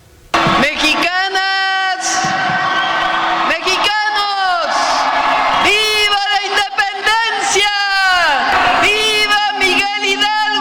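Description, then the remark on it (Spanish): A large crowd shouts and cheers in loud, repeated waves at the president's El Grito ceremony, with drawn-out collective yells rising and falling over a constant roar of voices across the whole stretch. “Y así fue un poquito, vamos a poner un poquito, por si usted se lo perdió, para ver cómo fue El Grito de la presidenta.”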